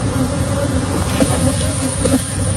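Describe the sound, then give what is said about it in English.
A dense, loud swarm of about 24 million agitated honeybees buzzes continuously with a steady, droning hum and overlapping wingbeats, unbroken throughout. The bees were released in a Texas neighborhood when an 18-wheeler truck spilled and ruptured 406 hives. “Neighborhood was locked down after an 18-wheeler ruptured 406 hives, unleashing 24 million agitated honeybees.”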